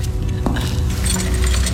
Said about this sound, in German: bitte seien Sie so gut, stecken Sie den Schlüssel auf diese Seite der Tür, ja?